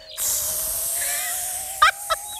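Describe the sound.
On Efteling Kids Radio, a person imitates a snake with a long, steady hiss lasting about two seconds, followed by two short bursts of voice near the end.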